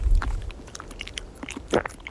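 Someone bites and chews a crisp chip outdoors in Brittany, France, making a string of irregular dry crackles and crunches with one louder crunch near the end, over a brief low wind rumble at the start.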